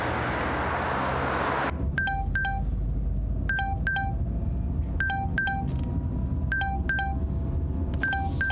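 A phone number being punched in on a telephone keypad: about ten short electronic beeps in quick, uneven clusters, clear, following a brief burst of hiss at the start.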